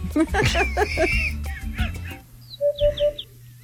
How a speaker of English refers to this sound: It's the backup camera.